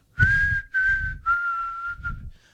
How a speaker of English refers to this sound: That's a pretty good whistle, by the way. I can't remember the name of the song.